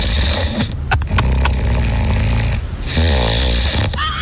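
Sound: snoring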